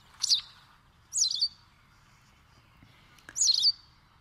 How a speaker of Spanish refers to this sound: Canta pizpireta la lavandera blanca, también conocida como aguzanieves, pajarita de las nieves, pipita o pezpita, nombre científico, motacilla alba.